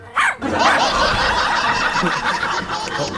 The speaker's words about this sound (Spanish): Oye, ¿no está el perro chico? ¿A dónde quedó el perro chico? Aquí está, pues mire, mire.